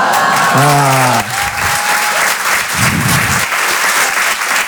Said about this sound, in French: vous êtes les premiers à applaudir ma mort.